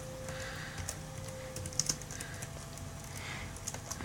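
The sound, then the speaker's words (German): Quick, irregular clicks of typing on a computer keyboard, moderately loud, with a few sharper keystrokes standing out over a low steady hum. “schwierig auf der Tastatur.”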